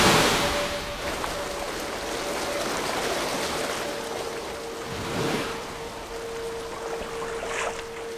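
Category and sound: nature, ocean surf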